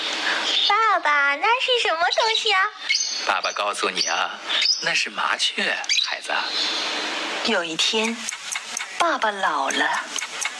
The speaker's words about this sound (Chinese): 爸爸，那是什么？ 那是麻雀。